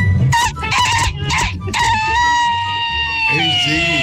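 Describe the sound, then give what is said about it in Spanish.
A person imitates a rooster's crow, with a loud, harmonic, strained call that stretches out and wavers over a few seconds, rising in short bursts before a long drawn-out note. “Sí, la bella de los gallos,”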